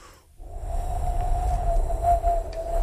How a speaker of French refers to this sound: T'entends le son du vent, toi, là? 20 km les vents, ben voilà, c'est ça que ça donne.